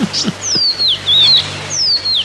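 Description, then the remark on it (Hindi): A small bird chirps in a quick series of thin, high, sliding notes, clear, with a few soft low thumps underneath and no voices; the bird is flitting from branch to branch in a garden. “कुछ देर तक वो उस चिड़िया का इस डाल से उस डाल थिरकना देखते रहे।”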